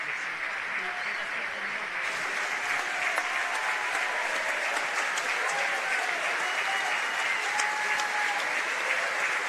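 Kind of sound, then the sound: crowd, standing ovation applause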